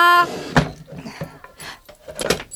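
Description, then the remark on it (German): A wooden drawer slides along its runners with a scraping rumble, then knocks shut with a couple of sharp thuds, after a brief voiced tone at the very start. “schließt die Schublade und flitzt in die Küche.”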